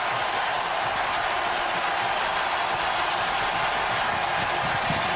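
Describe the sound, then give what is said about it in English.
A hockey arena crowd roars during a game against Vegas tied at 4 with 8:34 left in regulation, just after icing is called on Vegas. The noise is a dense, unbroken wash that holds steady and loud for the whole stretch, with no single voice standing out. “Listen to this crowd.”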